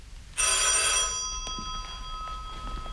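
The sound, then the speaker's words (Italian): A single loud burst of an old-fashioned telephone bell, a rapid metallic clatter lasting under a second, followed by a lingering ringing tone that slowly fades. “Pronto? Non lasci, è per me.”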